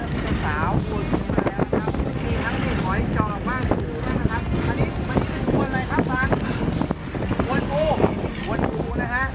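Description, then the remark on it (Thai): Strong monsoon wind roars steadily across the microphone while waves churn around a fishing boat at sea, out to haul in nets left for several days; a constant loud rush with people talking over it throughout. “คือคลื่นลมเนี่ยมันหนักมากนะครับ3-4 วันที่แล้วเนี่ยออกเรือไม่ได้ก็เลยวันนี้คิดว่าน่าจะเบานะเลยออกมานะครับแต่ก็ยังเจออยู่ดีนะฮะ”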